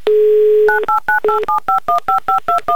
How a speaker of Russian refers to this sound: Поэтому звоним еще раз Пензу Диме, так, набирая повторно номер.